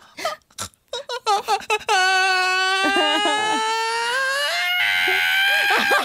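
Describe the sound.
A voice imitates a baby's cry that starts with short, choppy sputtering bursts, like an engine trying to turn over, then swells into one long, loud, sustained wail.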